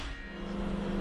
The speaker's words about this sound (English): And as soon as the microwave starts, you can hear it scrambling the signal.